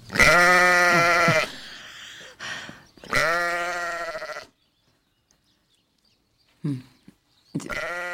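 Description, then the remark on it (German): Sheep bleat loudly, two long wavering calls followed by a short one, with brief quiet gaps and a few soft rustles between them. “Die Schafe sind da.”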